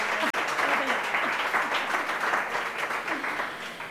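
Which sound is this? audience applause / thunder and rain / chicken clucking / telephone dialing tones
audience applause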